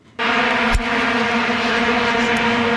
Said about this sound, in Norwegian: Ja, vi må bli litt nostalgiske her, eller hvis ikke alle blir nostalgiske av dette her, for i Sør-Afrika ble vi veldig godt kjent med lyden av vuvuzela i 2010.